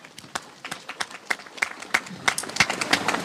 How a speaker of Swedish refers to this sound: Och framförallt till er tappra kommunvalskandidater som står här nu och samsas under paraplyerna på ett jättefint sätt. Och tack för det. Och om det är någon kvar, så gärna en applåd till de här kandidaterna.